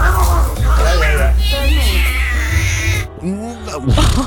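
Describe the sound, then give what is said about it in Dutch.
A kitten being taken out of a tree by the fire brigade with a tow truck yowls and meows angrily in drawn-out, wavering cries, loud, over a steady low rumble, with a short sharp squall near the end. “Maar of dat arme kleine poesje kitten Cleo daar zelf wel zin in had”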